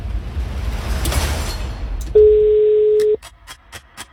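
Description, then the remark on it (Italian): A single telephone ringing tone, the first ring of a call: one steady, low-pitched beep lasting about a second, loud and clear after a stretch of muffled background noise, followed by a few faint clicks. “Primo squillo, sì.”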